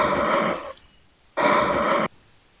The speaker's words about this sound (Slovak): Taký, akože trošku ťažší, ale stále vlastný dých.